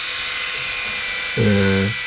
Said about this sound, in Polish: Ta golarka. Elegancko działa. Ja tylko powiem, że któraś z tych golarek, bodajże chyba... Chyba ta. Ma tylko 69 dB hałasu, więc to nie jest dużo. Ona nie jest głośna, ta golarka.